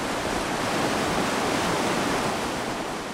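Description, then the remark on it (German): A steady, dense rush of fast-flowing water, loud, from the Gurgler Ache, a mountain stream in Obergurgl in the Alps fed by the Gurgler Ferner glacier, churning over rocks and holding an even roar with no voices throughout. “Das Rauschen der Gurgler Ache gehört zum beständigen Grundton von Obergurgl.”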